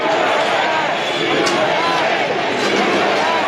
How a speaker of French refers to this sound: Feu d'artifice au-dessus des visages des quatre présidents historiques et acclamations nourries du public.